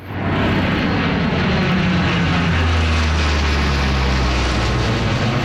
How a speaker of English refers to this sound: Hercules does a flyover to mark the occasion.